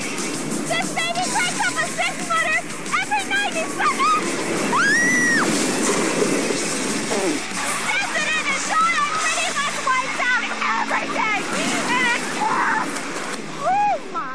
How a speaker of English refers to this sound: Typhoon Lagoon is home to one of the largest inland wave pools in existence.